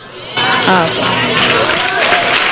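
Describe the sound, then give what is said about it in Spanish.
A crowd bursts into noisy applause after a brief quiet moment, a steady wash of clapping mixed with cheers and shouted voices that stays loud and dense to the end. “Si ese es el aplauso, vaya a ver, dígale a su hermano.”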